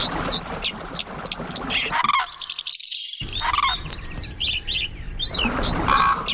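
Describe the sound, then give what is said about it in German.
A quick succession of calls from five different bird species, the candidates for Bird of the Year 2027, played within nine seconds: bright chirps, whistles and trills changing abruptly from one species to the next, with a brief near-silent gap partway through, fairly loud. “Das sind sie, die Kandidaten für den Vogel des Jahres 2027.”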